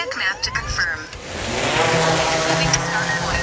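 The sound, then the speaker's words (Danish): An agricultural drone, used by farmers with artificial intelligence to locate weeds in their fields for targeted spraying, buzzes with a whirring, harmonic whine that climbs in pitch and settles into a loud, steady drone. A voice is briefly heard at the start. “Den her summende lyd kan være en god nyhed for vores drikkevand.”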